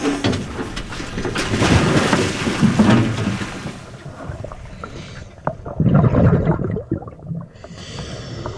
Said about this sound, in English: On the research boat in the San Juan Islands, the Samish dive team is getting ready. Pool's open. Pool's open.